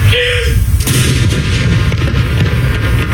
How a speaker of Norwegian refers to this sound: Klokken 12, litt over 3 timer etter at hele Norge fikk vite om dødsfallet, var det tid for salutering med kanoner på Akershus festning.